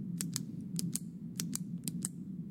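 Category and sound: household object, pen clicking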